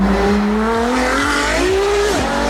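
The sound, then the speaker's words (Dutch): A loud artificial race-car engine sound made by an electric sports car, a steady revving whine that climbs in pitch through several quick shift-like dips, with no talking. “Veel elektrische sportauto's zijn uitgerust met nepgeluidjes, zodat ze klinken als een echte racewagen.”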